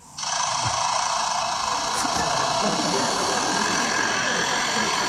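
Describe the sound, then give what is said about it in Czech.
A lyrebird at a zoo mimics the noises of its aviary being repaired: a loud, steady mechanical whirring and grinding that starts abruptly and runs without pause, dense like a power tool at work. “Konkrétně je ukázka z jedné zoologické zahrady, kde pár dnů opravovali tomu Lirochvostovi voliéru. A po té opravě si ten Lirochvost každý ráno takto prospěvoval.”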